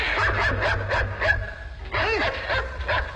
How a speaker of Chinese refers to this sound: 阿贵话没说完，拔腿就跑，眼看静修庵里那条黄狗就要咬住阿贵的腿了。